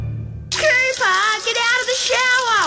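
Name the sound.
shower running water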